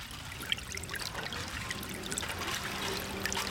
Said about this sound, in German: Das Wasser ist da. Es drängt sich zwischen den Lücken der Spundwände hervor. Durch das Hineintreiben der Stahlgiganten hat es sich leicht getrübt.